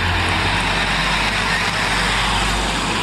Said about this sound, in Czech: Tady je záznam. Přijíždí tramvaj. 26. Vinohradské hřbitovy.